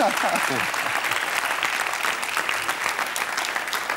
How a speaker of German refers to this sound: Herzlichen Dank. Und den Applaus haben Sie schon, wenn er sich noch wiederholt. Ich hätte nichts dagegen.